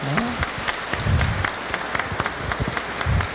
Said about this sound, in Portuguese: Vamos dar uma salva de palmas então, né? E vamos acolhê-las.